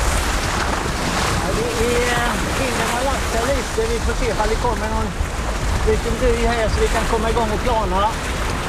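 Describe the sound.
Steady wind and water noise roar on a boat out on open water, loud and constant, while a man talks over it throughout.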